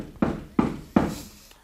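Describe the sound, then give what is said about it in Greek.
Three firm knocks on the wooden door of a school's study room, evenly spaced about a third of a second apart, fairly loud with a short hollow ring after each, then quiet. “Ας χτυπήσω του σπουδαστηρίου την πόρτα.”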